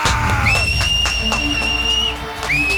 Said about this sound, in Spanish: Y la gente grita, yo también, a little.